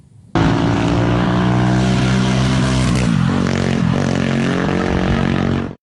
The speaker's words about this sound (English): And a slow car journey in Wales, perhaps.